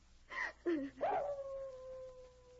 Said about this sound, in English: And then a strange, unearthly howl drifted down from the top of the canyon. Only a wolf. An ordinary wolf.